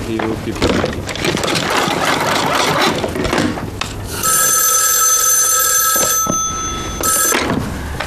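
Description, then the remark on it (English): A telephone bell rings loud and shrill in a sustained two-second burst, then briefly again after a short pause, following a stretch of rough, scratchy rustling noise, as a call is placed to Washington. “Get Washington on the phone.”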